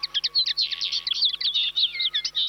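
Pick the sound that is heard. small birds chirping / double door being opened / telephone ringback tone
small birds chirping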